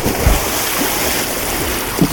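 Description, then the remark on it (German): Water splashes and churns loudly as someone jumps into cold water, a steady rushing wash with a couple of heavier sloshing bursts near the start and end. No voices. “So ein erfrischender Sprung ins kalte Wasser.”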